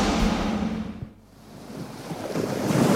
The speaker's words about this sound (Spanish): ¿El sonido de las olas?